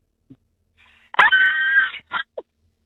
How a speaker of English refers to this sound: Okay, well, give me your best Hollywood horror scream in spotlight for everyone to hear.